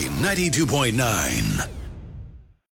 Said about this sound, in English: Now, this is a warning to anyone listening to us at work. We have lots of contests, so when you win... Oh, my God! Better use your whisper scream.